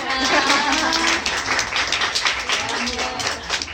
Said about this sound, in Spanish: Toma, un aplauso.